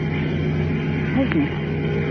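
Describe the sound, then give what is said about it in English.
A powerful motor on a boat running without lights drones steadily at a low, even pitch as the boat approaches, its hum holding at a constant loudness throughout, with a brief faint wavering tone rising over it midway. “It's a motor. Open wide, a powerful one. It's coming closer.”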